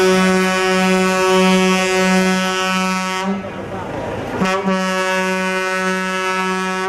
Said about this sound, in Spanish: Tiramos de camiones. Venga ahí. Dale un poco más a la bocina. Ahí, dale un poco más. Ahí.